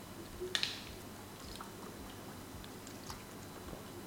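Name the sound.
sipping a drink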